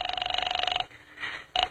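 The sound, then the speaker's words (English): A telephone line ringing as an operator connects a call to the 5th Precinct Police Station: a buzzy, rapidly trilling ring tone sounds for almost a second, falls quiet, then a second ring briefly starts before cutting off. “I'm ringing.”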